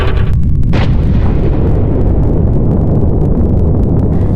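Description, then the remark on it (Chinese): China's first atomic bomb test explosion, at Lop Nur in October 1964, opens with a sharp crack, then rolls into a sustained, deep, thundering roar that stays loud and heavy throughout, with no voices. “1964年10月，罗布泊一声巨响震惊世界，我国成功爆炸了第一颗原子弹。”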